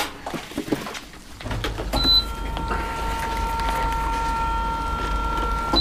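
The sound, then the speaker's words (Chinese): A few plastic clicks and knocks as the detergent drawer of a washing machine is handled, with the detergent put in the detergent compartment rather than the softener compartment, and the drawer slid shut. Then the washing machine starts with a steady droning hum and faint whine. “这里是放柔软剂的，洗衣机放这个。”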